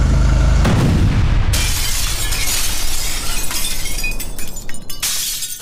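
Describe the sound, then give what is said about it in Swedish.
A car bomb explodes inside a moving car on Pipersgatan, about 10 meters before the crest of the hill: a deep, booming blast, followed by a long, bright cascade of shattering glass and tinkling debris that rattles on for several seconds before tapering off. “Och han svänger upp, kör Pipersgatan och precis på krönet, eller kanske någon 10 meter innan krönet där, så exploderar bomben.”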